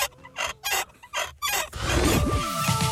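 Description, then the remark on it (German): Rusty, creaky squeaks from the neck of a Wackeldackel nodding dachshund toy from the 1970s–80s, kept over 25 years in a cellar: a few rhythmic squeaky bursts, then a loud, continuous grinding squeal with pitches sliding up and down. “Also über 25 Jahre im Keller, da kann schon mal etwas verrostet quietschen im Genick.”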